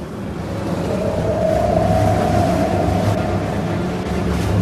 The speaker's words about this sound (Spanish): Tenemos algo de fuerte marejada y tormenta en la mar esta noche.